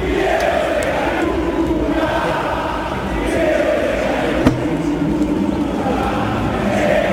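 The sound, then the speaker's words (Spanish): A huge stadium crowd at the Monumental chants in unison at world champion footballer Di María, a dense, sustained roar of many voices filling the whole stretch with steady rhythmic swells and no break. “con algo que para mí se trasladó de las redes sociales por primera vez a una cancha, que era Fideo Di María seca nucas, todo el Monumental cantándole a un campeón del mundo como Di María, y se veía este momento, mirá, escuchalo.”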